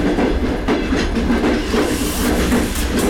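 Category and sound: vehicle, train running on rails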